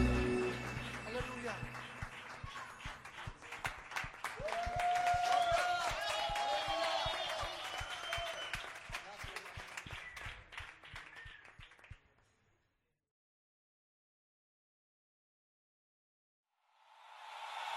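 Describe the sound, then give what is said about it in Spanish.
A crowd breaks into sustained applause, dense rhythmic clapping with some cheering voices mixed in, lasting about twelve seconds before falling into silence. “aplauso a tu rey.”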